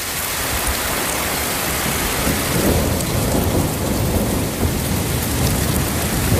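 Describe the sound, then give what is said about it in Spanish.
Heavy rain pours down in a dense, steady roar while low thunder rumbles and rolls through the middle of the storm, loud, with no voices. A thunderstorm striking forcefully in the Madrid region. “Bajada notable de las temperaturas tras la tormenta que descargó con fuerza ayer en varios puntos de la región.”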